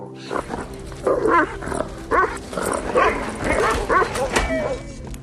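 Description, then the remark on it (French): A human voice imitates the growling of a camp commandant's dog, making a run of short, rough, yappy bursts in an uneven rhythm at moderate loudness, with no other talk. “Et un jour, c'est passé le chien qui suivait, il grognait comme ça.”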